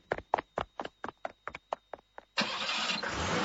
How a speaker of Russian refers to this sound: Когда машина тронулась